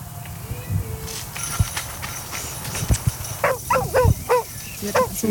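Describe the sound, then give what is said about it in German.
A search dog barks several times in a quick, repeated burst in a forest during a training exercise in which three people hide, after some rustling and thudding movement, the barks sharp against a quiet woodland background. “3 Leute verstecken sich im Wald und dann läuft der Hund auch schon los.”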